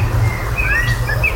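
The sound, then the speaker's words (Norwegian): A Eurasian blackbird sings a short phrase of clear, fluty whistles that slide up and down, over a steady low background rumble. “Det ikke alle svarttroster som høres slik ut, men den sangen her synger de mistok ganske ofte.”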